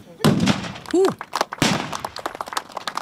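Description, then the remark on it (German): Two loud black-powder cannon shots boom a little over a second apart, each followed by a rolling, crackling tail, with a shouted voice between them and murmuring outdoor noise behind, from some 50 cannons fired over a weekend at the Königspfalz in Tilleda, Germany. “Gut 50 Kanonen haben am Wochenende für die entsprechende Lautstärke auf der Königspfalz in Tille da gesorgt.”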